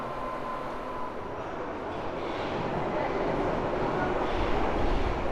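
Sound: subway train riding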